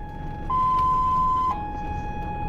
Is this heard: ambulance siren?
yes